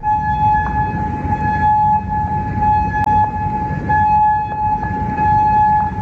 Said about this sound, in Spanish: Y las sirenas en Kuwait este lunes, también en Amán, Jordania, o en Bahrein a lo largo de la jornada, después de que Irán decidiera replicar a esa novena noche de consecutiva de bombardeos selectivos de Estados Unidos contra objetivos iraníes,